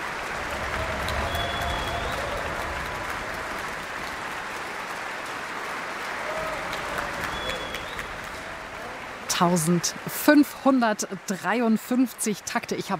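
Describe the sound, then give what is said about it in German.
A concert audience applauds the wind section, especially the horn solo, after a symphony performed by the NDR Elbphilharmonie Orchester, in a dense, steady wash of clapping that holds even for about nine seconds, then someone starts talking while the applause fades underneath. “Jetzt gibt es noch einmal viel Applaus für die Bläser und besonders für das Horn-Solo.”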